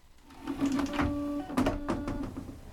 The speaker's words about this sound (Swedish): Man kan så här spruta vatten istället för att torka sig med papper. Så där är vatten.